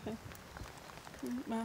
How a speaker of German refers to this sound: Obwohl es regnet und das für sie ungewohnt ist, macht sie trotzdem super mit.